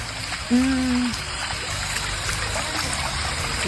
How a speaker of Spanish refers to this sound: Si logran dimensionar la cantidad de agua que brota, no es menor. Son dos las cámaras, bueno, las tapas de alcantarillado que se encuentran colapsadas.